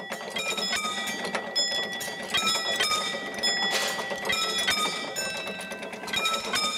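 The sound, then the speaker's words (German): A level crossing warning bell at Heiligendamm station on the Molly railway line in Germany rings in rapid, steady repeated strikes as the barriers are closed by hand, bright and metallic with sustained ringing overtones, continuing throughout with a faint mechanical rattle beneath and no talking. “Da kommt auch schon der Ton und dann gehen wir jetzt die Schranken schließen.”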